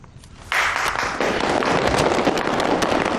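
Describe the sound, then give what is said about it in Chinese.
Applause from a crowd, a dense crackle of many hands clapping that breaks out suddenly after a brief quiet moment and keeps going steadily at full strength, with no voices over it. “鼓掌就不必了吧，也没有几个在认真听。”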